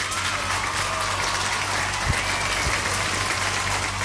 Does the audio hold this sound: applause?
yes